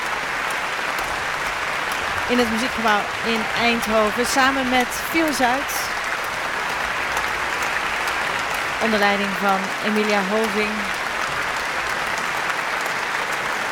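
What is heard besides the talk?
concert audience applauding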